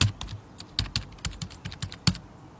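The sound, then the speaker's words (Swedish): Crisp computer keyboard typing of the word "fluffmassa", with the microphone angled down toward the keyboard: a quick run of about a dozen clicky keystrokes in an uneven rhythm, with a couple of louder presses, and no voices. “Jag vill att du vinklar ner mikrofonen mot ditt tangentbord och så skriver du fluffmassa på tangentbordet.”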